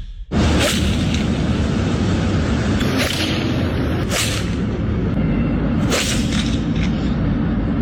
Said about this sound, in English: And they recorded themselves. I've got audio of them smacking golf balls into traffic here. Listen to this.